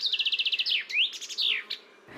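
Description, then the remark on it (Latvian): A common chaffinch sings one clear song: a rapid run of repeated bright notes speeding downward, then a sweeping flourish of descending phrases at the end, distinct with no one talking. “Dziesmiņa ir tāds strellītis ar tādu kā punktiņu beigās vai komatiņu beigās.”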